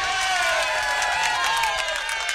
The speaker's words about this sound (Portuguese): Palmas pra ela, palmas.